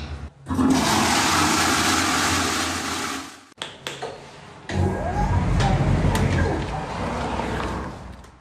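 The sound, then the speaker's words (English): An automated public toilet in a park flushes powerfully, roaring up abruptly, dipping briefly, then surging again with rushing, gurgling water that keeps going steadily to the end, forceful. “I've got to say, that is an atomic flush. That's just a short portion of it, but it just keeps going and going.”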